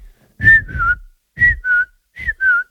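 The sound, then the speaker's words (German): A person whistles an imitation of a bird call as a sound-guessing quiz answer: a two-note whistle, the second note slightly lower, repeated three times with short pauses, clear and fairly loud with breathy undertones. “Das ist, glaube ich, ein Vogel. Vollkommen richtig.”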